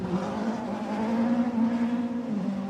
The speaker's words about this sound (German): Das sind ganz normale Autos, so ein Peugeot 206. Ich weiß nicht, ob das einigen hier vielleicht ein Begriff ist. Und die rasen hier mit so einem Tempo an mir vorbei. Jetzt startet gerade wieder einer.